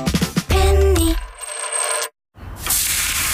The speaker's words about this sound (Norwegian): Hører du det, Heidi? Det lyden av en grill. Perfekt big beef i burger.